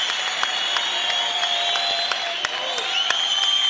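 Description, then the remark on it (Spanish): An audience at a church worship service applauds steadily, a dense wash of many hands clapping at once with a few sharper claps standing out, sustained and fairly loud throughout with a faint murmur of voices mixed in. “Aplaude, porque es parte del desarrollo de la fe, del poder que usted debe de alcanzar.”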